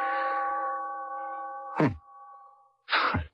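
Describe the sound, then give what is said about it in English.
A clock chime from a faulty clock being tinkered with rings with a sustained, humming metallic tone that slowly fades, then two sharp clanging strikes follow about a second apart, each with a brief dull thunk. No one speaks. “I want to fool around with the works and see if I can get it going and figure out what goes with the chime.”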